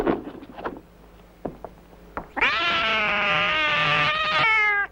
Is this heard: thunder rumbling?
no